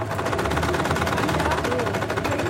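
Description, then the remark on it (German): Several sewing machines, brought along by women, men and children in a handicraft course at Freiraum 22 on the market square, run at once in a steady, rapid mechanical rattle. It is a dense clatter that continues without pause, with faint voices mixed underneath. “Die Frauen, Männer und Kinder im Handarbeitskurs beugen sich über ihre mitgebrachten Nähmaschinen.”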